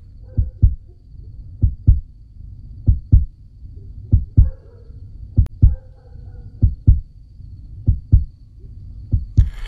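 An elderly man's own heartbeat, heard at night, thumps in steady lub-dub pairs at a slow, even pace, about nine beats. The low, muffled pulses stand out clearly over a faint background hum, with no voices.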